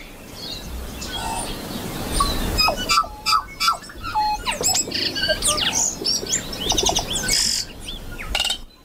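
Bright, varied birdsong rings out, with quick whistles, chirps and sliding notes layered over a low rustling background, no voices present.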